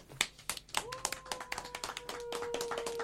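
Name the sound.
applause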